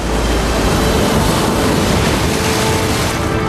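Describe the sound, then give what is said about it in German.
Loud, steady roar of ocean surf with waves crashing continuously and a deep rumbling wash underneath, enveloping, with no voices. “Elliot schwamm auf eine große Welle zu. Sie erwischte ihn und zog ihn unter Wasser.”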